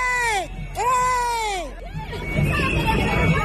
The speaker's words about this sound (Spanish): Así las cosas, mucha tensión en la puerta de la consellería, donde los concentrados gritaban vergüenza, vergüenza. La huelga indefinida entra en su cuarta semana de protestas.